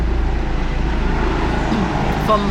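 A helicopter passes overhead, its deep, rhythmic rotor thrum steady and loud throughout, with a broad engine roar filling the background.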